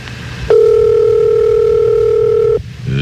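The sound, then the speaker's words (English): A single steady telephone ringing tone sounds on the line for about two seconds, loud and even, then cuts off abruptly, with a faint murmur of background noise around it, as the Grease Man calls a woman at 7:19. “Put down them Mallow Maws and get to that phone.”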